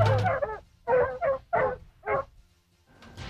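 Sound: dog barking and whimpering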